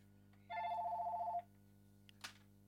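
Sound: telephone ringing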